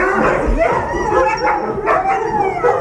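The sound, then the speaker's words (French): A pack of sled dogs barks and yips excitedly, a dense overlapping chorus with occasional howls, loud throughout. “t'aurais fait un tour tracté par les chiens”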